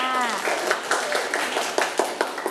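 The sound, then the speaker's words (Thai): A group of children claps for their brave classmates in a loose, uneven patter of sharp hand claps lasting a couple of seconds, with a brief voice audible at the start and faint murmuring beneath. “เด็กๆปรบมือให้กับเพื่อนๆที่กล้าหาญด้วยค่ะ”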